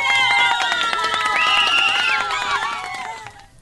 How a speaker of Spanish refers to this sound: ¡Wow! El día de hoy ha estado muy atento. Se merece fuertes aplausos para nuestro invitado.